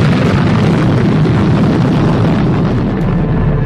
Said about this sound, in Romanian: Forța acestei explozii a fost evaluată la 15 megatone, de 1000 de ori mai puternică decât bomba de la Hiroshima. Unda de șoc și sunetul exploziei s-au auzit la mii de kilometri distanță.